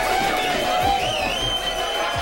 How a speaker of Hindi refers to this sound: आलम ये बना हुआ है कि फैंस थिएटर के अंदर हो या बाहर जश्न मनाते नजर आ रहे हैं। कहीं ढोल नगाड़ों के साथ जश्न मनाया गया तो कहीं दर्शक सीटियां और ताली बजाते दिखे।